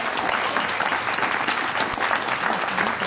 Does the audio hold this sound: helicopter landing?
no